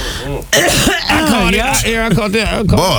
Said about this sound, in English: I caught it. That topic made you cough like that. Yep. It's a yep. Well, I choke.